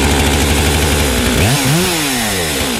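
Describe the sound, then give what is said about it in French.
A large chainsaw roars loudly, cutting into wood marked out with the outline of a carved figure's head, body and legs, its engine pitch dipping and wavering as the blade bogs down, then climbing again under load. No talking. “Et là, je peux après, avec la grosse tronçonneuse, je peux taper dedans.”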